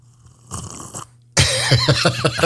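Someone slurps a drink loudly: a brief hissing sip, a short pause, then a longer, harsher slurp with a warbling, whistly tone. No one speaks.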